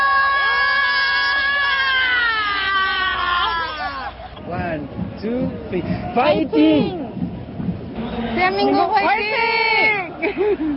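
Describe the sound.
A person screams excitedly, loud and close, in long high-pitched wavering cries. Other voices and crowd-like babble join in partway through, then the shrill screaming rises again near the end.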